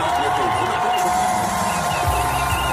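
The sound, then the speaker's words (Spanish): Hundreds of Ceuta residents gathered outdoors around a big screen cheer and shout the start of a televised interview, a dense, continuous roar, steady and loud for the whole stretch, with many voices blending together and no single speaker standing out. “Así vitoreaban el inicio de la entrevista en Antena 3.”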